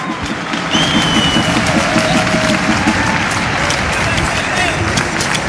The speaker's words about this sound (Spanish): Pueden sentarse, muchachos. Aquí viene un fuerte aplauso para todos ellos.